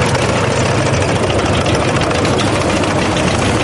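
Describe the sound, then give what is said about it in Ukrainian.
Heavy engines of World War II-era tanks and newer tanks with anti-drone nets welded overhead idle at a parade rehearsal in Yekaterinburg, Russia, in a loud, steady, continuous rumble with a broad noisy roar and no breaks or changes in pace. No one speaks. “Танки часів Другої світової в строю та трохи новіші з привареними над головою сітками від дронів.”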